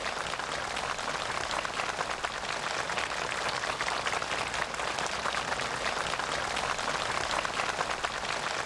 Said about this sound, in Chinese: 在双方陪同人员和朝方学员们的热烈掌声中，习近平和金正恩在植树标志碑前握手合影。